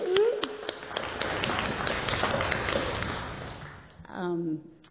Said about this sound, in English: And yep, you can clap.